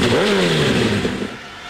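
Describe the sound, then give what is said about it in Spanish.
A motorcycle engine fires up and revs loudly, its pitch climbing and then easing down over a couple of seconds, with no talking. “Prende la moto, Revo.”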